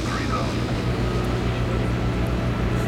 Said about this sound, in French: Ça y est, l'avion amorce sa descente.